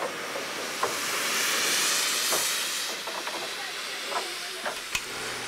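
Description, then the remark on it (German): A steam locomotive, recorded in the early 1970s, hisses steadily with a broad rushing noise that swells and fades, punctuated by several sharp metallic clanks and knocks. No voices. “Als diese Aufnahmen entstanden, Anfang der 70er Jahre des letzten Jahrhunderts, war an die Sendung Eisenbahnromantik noch nicht zu denken.”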